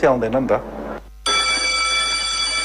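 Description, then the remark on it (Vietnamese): A loud electric school bell starts abruptly after a brief voice and a short pause, then rings on continuously in a steady, shrill metallic tone until the end, signalling classes to stop so students can evacuate the school as a major flood approaches. “Khi tiếng chuông trường vang lên, các lớp học lập tức dừng lại.”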